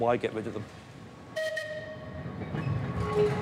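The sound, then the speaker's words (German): A vintage train on the Isle of Man rumbles along the tracks, and a bright, sustained whistle sounds once partway through over the steady low clatter. “werden die Bahnen auch noch die nächsten 130 Jahre über die Insel fahren.”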